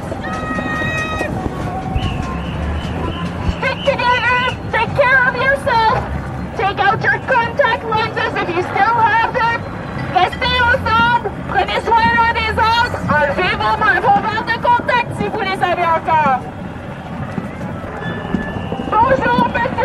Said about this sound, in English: At the Summit of the Americas in Quebec, protesters converged on the city that closed its stores and hotels as massive demonstrations against globalization took to the streets.